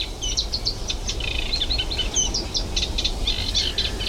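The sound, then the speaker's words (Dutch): A Eurasian reed warbler sings in the morning in the Kleine Gelderse Waard, a continuous, chattering run of repeated scratchy notes, clear, over a steady low background rumble with no voices. “in de kleine Gelderse Waard, waar het eigenlijk dag en nacht doorgaat met het geluid van de kleine karakiet, de hoofdrolspeler van deze ochtend.”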